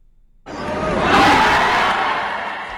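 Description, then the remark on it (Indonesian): Thousands of spectators roar and cheer at a professional boxing match between two boxers at Gor Terpadu Ahmad Yani, the dense noise rising suddenly after a brief quiet and holding loud and steady throughout. “Gemuruh sorakan penonton mewarnai pertarungan dua petinju profesional ini.”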